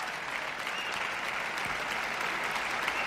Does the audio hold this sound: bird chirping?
no